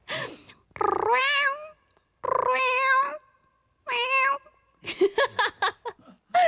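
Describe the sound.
A person imitates a cat, giving three drawn-out, rising-and-falling meows separated by short pauses, then a quick burst of choppier, chirping mews, all fairly loud.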